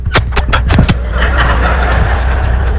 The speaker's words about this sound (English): Ooh, the bus coming.